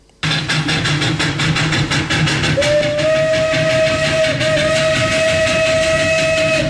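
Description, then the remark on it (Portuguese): A train rumbles along the Moçâmedes railway branch line with rhythmic clattering of wheels on rails, loud, and a sustained whistle-like tone sounds partway through. No one speaks. “Retirada de balastros, pregações, destruição de equipamentos das carruagens, vagões e locomotivas é o cenário vivido neste momento ao longo do ramal ferroviário do Caminho do Ferro de Moçâmedes.”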